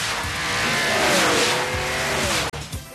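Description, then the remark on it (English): A car roars past at speed on the Test Track automotive proving ground ride at Epcot, with loud, sustained tire squeals over a steady engine drone, cutting off abruptly near the end before a brief resumption. “On Test Track, you'll take the ride of your life through a hair-raising automotive proving ground.”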